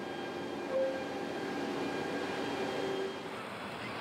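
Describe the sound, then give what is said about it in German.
A freight train carrying containers from Sweden, brought by ferry, departs toward Central and Southern Europe with a steady, grinding rumble, brief metallic wheel squeals cutting through now and then, with no voices. “Heißt, der Zug kann pünktlich abfahren.”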